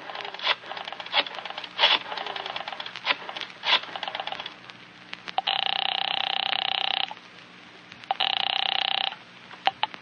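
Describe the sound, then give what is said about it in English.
A telephone is dialed with a rapid run of clicks and short bursts, then rings twice, each ring a long steady buzzing tone separated by a pause, fairly clear; the call is placed at 10 o'clock to Central Publishing. “At 10 o'clock, you pick up the phone again.”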